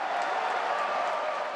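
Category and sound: crowd, football fans cheering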